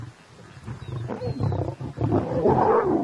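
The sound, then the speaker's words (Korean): A dominant male lion growls low and rumbling over a recent kill, keeping the lionesses from eating, the deep snarl swelling and rising into a louder, harsher roar toward the end, continuous with no one speaking. “수컷이 으르렁거리며 암컷들이 못 먹게 하죠.”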